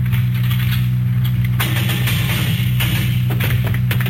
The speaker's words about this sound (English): Right. Open the cell door. Careful now.